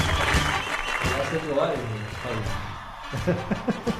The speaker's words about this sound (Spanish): Un aplauso. Aplauso. Qué suerte. Le va a quedar. Un aplauso. Ahí está, aplauso.